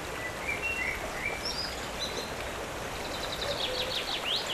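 Small birds chirp and whistle in scattered, overlapping calls over a steady rushing hiss of wind through leaves. No voices.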